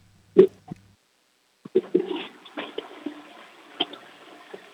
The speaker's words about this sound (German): Ja, dann lauf los und zeig mir deine Klospülung.